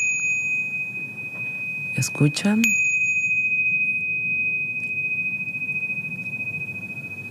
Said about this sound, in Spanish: Escucharon, todo eso es lo que se escucha en el estudio. Es un estudio, pues, que se practica la sonoterapia. Así es. ¿Eso qué nombre tiene? Esto es un tingash o campanas tibetanas que se utilizan para iniciar una sesión y para finalizar.